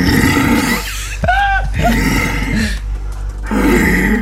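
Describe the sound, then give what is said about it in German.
A stag in the rut roars in long, deep, guttural bellows, several drawn-out groaning calls in succession with brief pauses between, loud, with no talking. “gar kein Bär, sondern ein Hirsch in der Rumpfzeit.”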